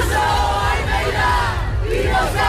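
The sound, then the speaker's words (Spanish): A dense crowd chants loudly in unison, many voices merging into a continuous roaring wall of sound with rising and falling shouted phrases. It is a protest crowd at the Puerta del Sol encampment in Madrid, chanting words against the president and the mayor of Madrid. “Un cartel que dice, pues eso que escuchamos, palabras contra la presidenta y el alcalde de Madrid.”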